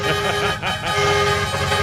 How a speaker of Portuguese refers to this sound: E a buzina, será que rola a buzina aí, produção? Hã? Será que rola a buzina? Chama! Chama! Responde agora! Isso! O outro responde do outro lado. Vai, vai! Agora o outro lá. Isso! Agora entra outra buzina.